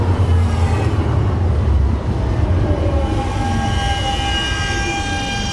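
A tram rolls along its rails toward the Hauptbahnhof Süd stop, heard from inside: a loud, steady low rumble with a whining electric motor tone rising over it. Nobody speaks.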